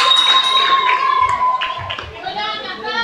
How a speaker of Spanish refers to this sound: quiero pedir un fuerte aplauso para las cuatro niñas que pasaron a cantar. Ellas son una de las ganadoras.